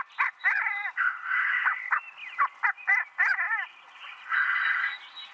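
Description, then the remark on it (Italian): Male black grouse at a lek in the Veglia Devero park, Italy, during their spring mating season, give a steady stream of bubbling, cooing calls, with rapid warbling phrases and sharper notes overlapping as they compete in song for females. No voices. “Dalle prime ore dell'alba, i maschi si radunano nelle arene di canto, dove si affrontano in epiche battaglie canore, talvolta anche fisiche, per conquistare le femmine e garantire la continuazione della specie.”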